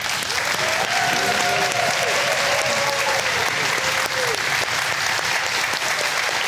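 An audience on a game show applauds steadily for several seconds to welcome two contestants, a dense, loud wash of clapping with some faint voices and cheers mixed into the noise.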